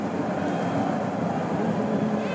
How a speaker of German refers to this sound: Das sind die englischen Fans, die ihr gerade im Hintergrund hört.